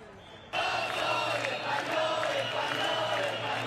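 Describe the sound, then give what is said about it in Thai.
Thousands of protesters rallying in Ceuta, Spain, burst into loud, sustained shouting after a brief quiet moment, criticising Spanish Prime Minister Pedro Sánchez and calling for his resignation; many voices blend into a continuous roar of chanting and yelling with no pauses. “ประชาชนหลายพันคนในเซอูต้าก็ออกมาชุมนุมเช่นกันนะคะพร้อมใจตะโกนส่งเสียงวิพากษ์วิจารณ์ผู้นำสเปนเรียกร้องให้ลาออกจากตำแหน่ง”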